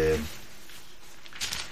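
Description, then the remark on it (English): Pages of The New Publisher newspaper crinkle softly as they're handled, with a brief louder rustle near the end. A voice is heard only for an instant at the very start. “the new publisher, newspaper.”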